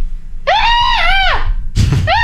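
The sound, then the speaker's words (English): A person imitates a strange, high shrieking scream: a long wavering wail that bends up and falls away, then a sharp burst of noise and another shriek starting, loud. “Can you do the scream?”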